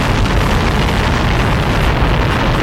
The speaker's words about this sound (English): Liftoff. Roger, clock. Clock start flight, Roger. Let's go all engines, Roger. Safe. Roger, we got a roll program. And back in 1969, today's the day they launched off of the pad there at Cape Canaveral to head out to the moon for the first time ever